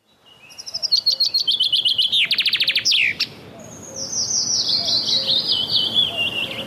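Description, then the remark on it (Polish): A chaffinch sings a bright, accelerating trill that tumbles downward into a quick flourish, followed by a second run of clear, descending notes. The song is loud, with no talking. “Jej dźwięczny śpiew można usłyszeć dosłownie wszędzie, gdzie rosną duże drzewa.”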